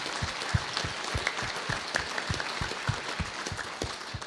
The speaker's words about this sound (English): So, ladies and gentlemen, give him a round of applause.